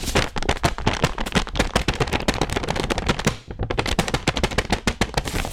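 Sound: handmade paper being stretched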